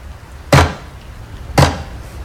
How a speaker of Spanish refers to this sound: Unos golpes secos resonaron en la puerta principal. No eran golpes apresurados, eran lentos y pesados, como si quien estuviera del otro lado supiera que tarde o temprano le abrirían.